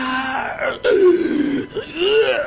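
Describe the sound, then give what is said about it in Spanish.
A person performs a drawn-out, exaggerated yawn close to the mic: a breathy groaning voice that swoops down and then rises again over a couple of seconds, with no other sounds. “¿Viste cuando bosteza así?”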